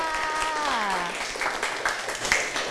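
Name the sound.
classmates clapping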